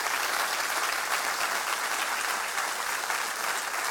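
An audience applauds together, a dense, steady wash of many hands clapping that fills the room evenly for several seconds with no pauses and no voices standing out.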